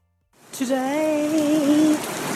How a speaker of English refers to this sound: Today it rained.